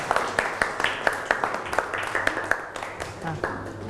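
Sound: classroom applause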